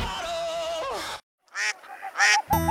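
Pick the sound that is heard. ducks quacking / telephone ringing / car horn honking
ducks quacking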